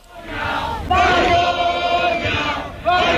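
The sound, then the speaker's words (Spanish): A large crowd at a protest encampment in Barcelona shouts and chants "Malparidos, vergüenza" in unison after being told Junts would vote against the decrees, loud and sustained, with voices surging in waves and a strong burst of collective yelling near the end. “Malparidos, vergüenza, es lo que se gritaba en la acampada de Barcelona cuando les comunicaron que Junts iba a votar en contra de los decretos.”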